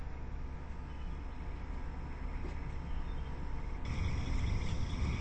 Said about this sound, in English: we started hearing these different frogs. This was like maybe an hour and a half after we started. So if you notice, there are sort of a clicking sound, as well as the and the clicking sound are the cricket frogs, and the are the gray frogs.